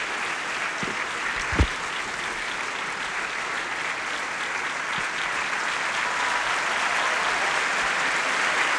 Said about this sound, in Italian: Ecco, sta entrando anche lui, Macbeth, Giorgio Gannizze. Gli applausi sono un po' più tiepidi, se vero, sicuramente rispetto a quelli che hanno accolto Jennifer Rowley.